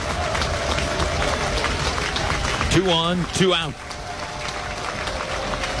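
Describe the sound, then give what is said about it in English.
A stadium crowd at a baseball game cheers and claps in a steady, dense roar throughout, trying to help the pitcher after a called strike two, while a man's voice briefly speaks over it near the middle. “Crowd trying to help out Jackson Blakely now.”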